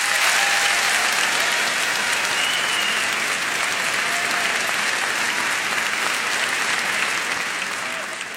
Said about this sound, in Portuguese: Também queria agradecer a estes dois homens que nos últimos 14 anos têm produzido este show de uma forma espetacular, não só para entreter, mas para promover a nossa cultura e quem nós somos. E eu queria que lhe dessem uma grande salva de palmas.